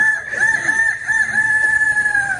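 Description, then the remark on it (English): A young voice imitates a rooster's crow, holding one long, loud, strained cock-a-doodle-doo for a couple of seconds, with no other talking; the winning entry in a 2026 youth rooster crowing contest at a fair. “Your grand champion 2026 youth rooster crowing champ.”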